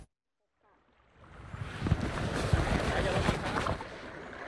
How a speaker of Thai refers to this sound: กิจกรรมพายเรือคายักบริเวณริมทะเลสาบเหนือเขื่อนบนรัฐในเขตอุทยานแห่งชาติภูเก้าภูพานคำอำเภอโนนสังจังหวัดหนองบัวลำพูท่ามกลางบรรยากาศสายลมและอากาศบริสุทธิ์